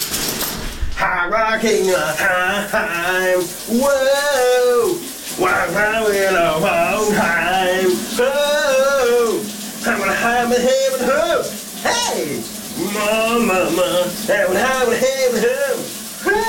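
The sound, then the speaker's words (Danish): A man, a VLR radio colleague, sings a summer song loudly and continuously in the shower over the steady hiss of the running water, his voice echoing, the water spray a constant wash of noise beneath the melody. “Dagens brusebadshit er klar til at komme ud af ovnen.”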